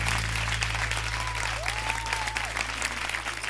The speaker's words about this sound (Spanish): fuerte el aplauso. Un honor para mí, señor ….